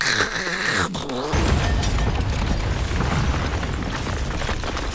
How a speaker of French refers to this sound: C'est le plafond qui est tombé sur la tête du voisin.